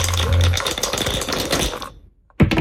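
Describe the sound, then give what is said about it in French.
Two dice rattle and clatter rapidly for about two seconds, loud, then stop abruptly, landing on four and one for a board game; after a short silence, a sharp knock sounds. “Je vous demanderai d'envoyer un top départ pour qu'on puisse lancer les dés.”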